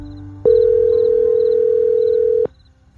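A steady, loud telephone dial tone hums for about two seconds as someone phones their mother at night, starting and stopping abruptly over a faint background hum, with no talking.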